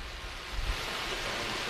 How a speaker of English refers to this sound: Well, the most important chatter is that it is raining here, so the hike that usually attracts most of the participants at this conference is likely going to be postponed